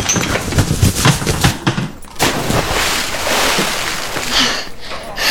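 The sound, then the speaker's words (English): A runaway car rolls with a rumble and clatter, then goes into a canal with a loud, sustained splash and churning water that fades slowly, with a few brief thumps near the start. “Oh yes, right into the canal.”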